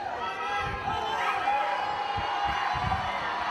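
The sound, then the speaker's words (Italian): A dense outdoor crowd of onlookers and fans in the historic center of Loco Rotondo cheers and calls out continuously, acclaiming Haaland, a church guest, with overlapping voices and scattered whoops forming a steady, fairly loud wall of noise. “Tra gli invitati in chiesa anche Roberto Mancini, il compagno di squadra, Haaland, super acclamato dai tanti curiosi e tifosi del centro storico di Loco Rotondo.”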